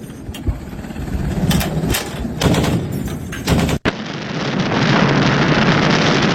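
Rapid bursts of heavy naval artillery gunfire crackle over a constant roar of wind and engine noise, with a sudden cut midway before the dense rumbling wash continues. No one speaks.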